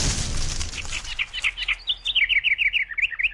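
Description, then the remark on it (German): A bird sings a rapid, rhythmic series of bright, high chirps that grow steadier and clearer after a brief rush of noise at the start, sounding alone. “Lust auf Fake-Vogelgezwitscher? Lieber echtes?”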